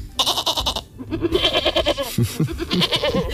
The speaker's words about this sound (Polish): A co tutaj sobie tak po studiu hasa i hałasuje? A kozulki sobie hasają.